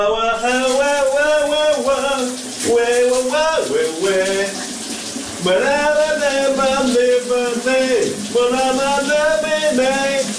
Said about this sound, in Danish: Nu skal vi over til en, som elsker at synge, og det gør han her i radioen hver morgen, live fra sit brusebad, vores gode kollega